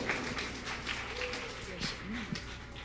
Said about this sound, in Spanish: Recibamos con fuertes aplausos, por favor, en esta oportunidad.